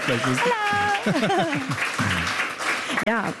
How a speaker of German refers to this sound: Da kommt doch gleich noch ein Beifall für unseren Gitarristen, den wir gleich hören werden.